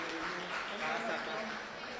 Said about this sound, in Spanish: Fuerte ese aplauso para el primer departamento Encarnación.